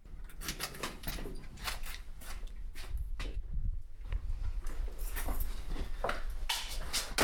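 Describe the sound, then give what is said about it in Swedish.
A door to the public areas is slammed shut amid a series of sharp knocks and clatters, leading into closed storage stacks, with a low rumble partway through and a steady background hiss. No one speaks. “Jag slog dörren igen för de publika ytorna, så att nu är vi då i våra slutna magasin.”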